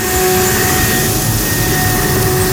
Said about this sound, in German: Die Laubbläser sind wieder da.